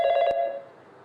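A telephone bell rings in a short, fast-pulsing burst with bright harmonic tones, then cuts off and leaves a fading ring-out. It is fairly loud, with no voices.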